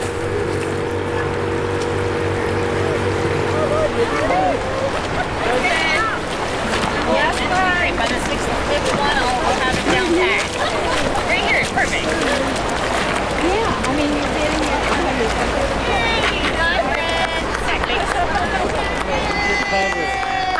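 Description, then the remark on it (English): The Roaring Fork River rushes steadily past the bank where rainbow trout were just released, its loud, continuous roar filling the whole scene while people talk over the running water. “Sounds from the bank of the Roaring Fork River, where we just released 6 rainbow trout.”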